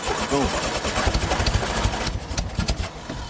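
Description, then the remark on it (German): A VW Beetle engine cranks without catching: a loud, rapid series of low, chugging turns over a steady mechanical whir, and it never settles into a running idle. “Welches Auto springt nicht an?”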